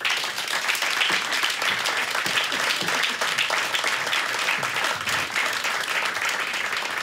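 Sustained audience applause, a dense, steady wash of many hands clapping at an even loudness for several seconds, with no voices rising above it.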